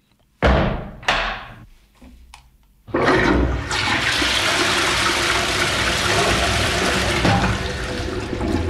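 A couple of sharp handle clunks, then a loud toilet flush: a roaring rush of water that surges and keeps gushing steadily to the end, with no voices.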